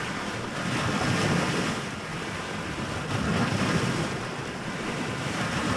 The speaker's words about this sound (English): Lake Erie meets the pier in Avon Lake.